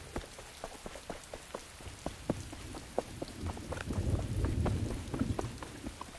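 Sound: heavy downpour of rain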